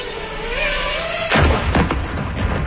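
A steady, wavering motor buzz gives way to a sudden loud explosion, followed by a few sharp bursts and rumbling as a drone blast hits. No one speaks.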